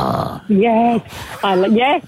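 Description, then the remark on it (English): A person vocally imitates a Staffordshire terrier's squeal, producing two drawn-out, high, whiny cries with a brief pause between them, loud. “And if it's like a staffy, squeal.”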